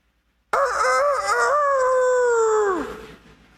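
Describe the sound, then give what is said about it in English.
A single loud rooster crow rings out, a long harmonic call that holds steady for a couple of seconds and then bends downward as it fades. No one speaks. “For the rest of his life, Peter heard that rooster crow.”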